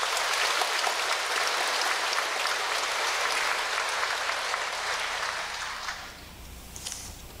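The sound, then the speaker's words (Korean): A large audience claps steadily for about six seconds to welcome National Assembly member Eom Tae-young for a congratulatory speech at a Cheontae Buddhist ceremony at Guinsa temple. A dense crackle of many hands fills the space, then the applause thins and fades out near the end. “단양제천 국민의힘 국회의원 엄태영 국회의원님의 축사를 듣도록 하겠습니다. 박수로 청하겠습니다.”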